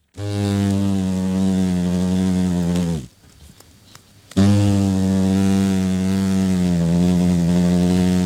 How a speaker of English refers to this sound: But once on the wing as adults, these big hornets get a lot hungrier and the sound is more ominous for us and the New Zealand economy.